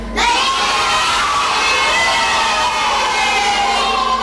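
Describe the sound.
A group of children bleat together like sheep in answer to a question about how a sheep sounds, a loud, sustained chorus of wavering, overlapping high voices that holds for about four seconds.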